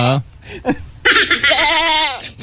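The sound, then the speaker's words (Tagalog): A goat bleats in a couple of loud, quavering cries, the second one long and wavering before trailing off, with a short bleat or two at the start. “Oo, nagkatitigan sila ng kambing.”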